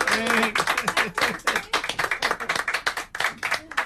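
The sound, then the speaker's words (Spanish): A crowd applauds a female bus driver after a roughly 50-minute run of a new bus line, sustained dense and uneven clapping that keeps going for several seconds, with a few voices calling out underneath near the start. “Después de unos 50 minutos de recorrido de esta línea que tendrá una salida cada hora, el reconocimiento se transformó en aplauso para una conductora de primera. Bueno, un aplauso para la conductora.”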